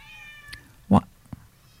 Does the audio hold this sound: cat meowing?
yes